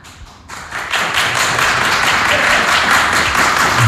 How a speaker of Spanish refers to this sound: A ver, lo que quiero es que reventéis el aplausómetro, si sí o si no. A ver. ¿Quién sí quiere, tiene que aplaudir, que vuelva José Mourinho?